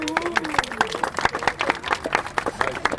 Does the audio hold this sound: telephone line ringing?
no